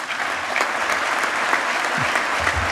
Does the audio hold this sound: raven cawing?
no